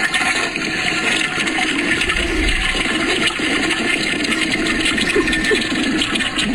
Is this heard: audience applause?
no